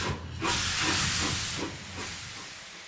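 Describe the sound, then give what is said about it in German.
A steam locomotive, a replica of the Adler (the first working locomotive used in Germany) restored in 2007 by the team in Meiningen, lets off a loud, steady hiss of steam that starts after a brief lower rumble and holds broadly for a couple of seconds, easing slightly near the end. “Die erste funktionsfähige, in Deutschland eingesetzte Lokomotive.”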